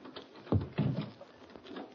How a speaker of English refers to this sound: No, the room's empty. Try the door.